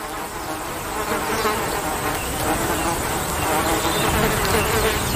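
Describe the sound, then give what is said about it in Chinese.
Flies buzz around young impalas that are busy driving them away, in a steady, continuous drone for the whole stretch, even in loudness, with a dense insect hum filling the background and no voices. “毕竟这些小高脚羚正忙着驱赶讨厌的苍蝇。”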